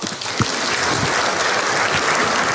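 Steady audience applause: many hands clapping at once in a dense, even crackle that stays loud and constant for the whole stretch, with no voices on top.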